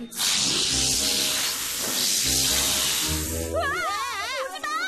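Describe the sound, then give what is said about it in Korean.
Loud, steady hissing of many angry snakes fills the first few seconds over a low, humming musical bed, then gives way to warbling, wavering high tones near the end. “토모, 뱀이 왜 이렇게 많지? 아, 여기 뱀의 서식지인가 봐. 화가 많이 난 것 같은데 어떡하지?”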